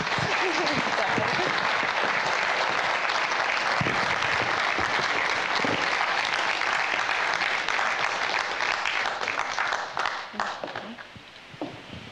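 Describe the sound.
Sustained crowd applause welcoming a musician about to perform a concert, a dense wash of clapping that holds steady for about ten seconds before thinning out near the end, with some voices mixed in.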